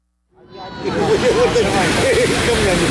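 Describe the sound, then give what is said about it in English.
A busy crowd on a packed shingle beach in Odessa, Ukraine, on the Black Sea, on a sunny summer Saturday, murmurs steadily under a broad wash of noise like waves breaking, fading in quickly and then staying loud and continuous, with scattered voices rising above the din. “Welcome to the beach in Odessa, the queen of Ukraine's resorts, the pearl, as it likes to call itself, of the Black Sea.”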